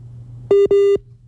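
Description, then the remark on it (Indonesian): Two loud telephone dialing beeps sound back to back, the second slightly longer, both at the same steady pitch over a faint low hum, with no voices, as a phone call is redialed over a telephone line. “kita coba hubungi ulang ya Kak Lutfi ya lewat sambungan telepon ya, karena memang kemungkinan sinyalnya agak terganggu”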